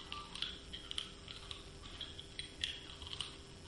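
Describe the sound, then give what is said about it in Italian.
Hard candy clicking against teeth: a handful of small, sharp, irregular clicks, fairly faint, over a quiet steady background hum with no talking. “Il rumore di caramella nei denti.”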